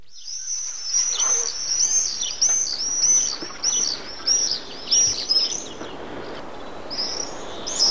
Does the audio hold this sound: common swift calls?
yes